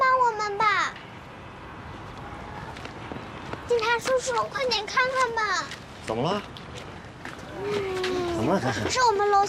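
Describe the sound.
A stray cat meows repeatedly in drawn-out, wavering cries, fairly close and loud, with excited children's voices and some shuffling around it.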